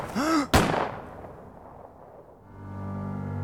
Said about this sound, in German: Er war etwa 20 Meter von den anderen entfernt, als die beiden Schüsse knallten.